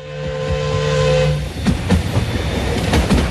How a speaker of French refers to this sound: Mais derrière lui, à la sortie du bois, l'express Calais-Paris-Berne surgit à toute vapeur.